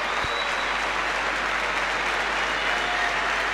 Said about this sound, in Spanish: Varios jugadores de Burkina Faso que ahora levantan los brazos y reciben esta ovación, mirá.